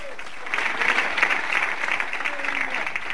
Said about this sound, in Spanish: Si le va a dar palmas, se las da fuerte a Cristo, hermano.